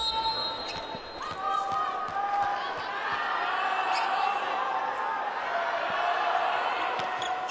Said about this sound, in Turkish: Çin'in yaptığı her savunma ile beraber çıkaran her topla beraber tabii salonda da seyircinin uğultusu desibeli biraz daha yükselmişti ama çok güzel bir son İlkin'den.